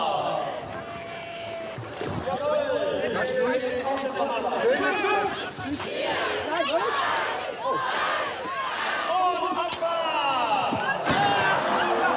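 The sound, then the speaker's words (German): Many people chatter and call out excitedly while competing teams push small boats into the water, with occasional knocks and splashes beneath the steady crowd noise. “Boote zu Wasser!”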